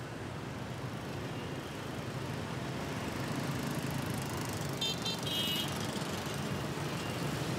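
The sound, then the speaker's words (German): A steady wash of city traffic at Hoan Kiem Lake in the centre of a bustling Vietnamese metropolis, with a constant drone of small engines, some buzzing. A few brief high chirps or squeals cut through midway. No one speaks. “Der Hoan Kim See im Zentrum der pulsierenden Millionenmetropole.”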